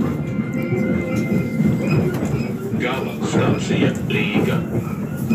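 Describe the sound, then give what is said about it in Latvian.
A steady rumble of a train at Cēsis railway station in Latvia on a weekday morning shortly before 7:00, with low mechanical droning and some scattered higher clatter, while people waiting for the train to Riga talk in the background throughout. “Latvijas Radio kādā darba dienas rītā īsi pirms 7:00 devās uz Cēsu dzelzceļa staciju, kur daudzi gaidīja vilcienu uz Rīgu, lai dotos uz darbu.”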